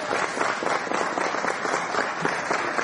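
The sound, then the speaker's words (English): Sustained audience applause, a dense, steady wash of many hands clapping at once with no pauses, fairly loud throughout. “Is there an applause light in there? No, there's not. And I didn't think so. That was organic, wasn't it?”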